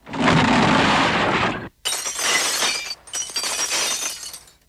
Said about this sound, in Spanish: Mientras hablaba, se oyó un gran estrépito fuera de las mansiones Luz de Luna, seguido de ruido de cristales rotos.